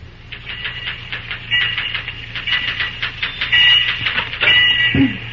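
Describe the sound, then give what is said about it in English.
Typewriter typing in the superintendent's office, where Cary Graham is busy at the typewriter: a quick, steady run of sharp mechanical key clacks over a low, constant hum, with a heavier thud near the end. “As our scene opens, we find Cary Graham busy at the typewriter in the superintendent's office.”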